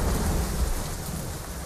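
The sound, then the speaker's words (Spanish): Heavy rain pours down steadily in a dense, hissing wash, with a low rumble of thunder rolling underneath throughout. No voices are present. The storm is in Laudio on 26 August 1983, during the San Roque festivities, with rain falling very intensely from 4 in the afternoon. “A las 4 de la tarde la lluvia empieza a caer con muchísima intensidad y una hora más tarde comienzan a desbordarse los afluentes del Nervión.”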